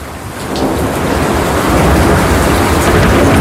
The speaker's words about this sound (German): manche von uns lieben Gewitter so sehr, dass es Blitz und Donner sogar zu einer eigenen Playlist bei Spotify geschafft haben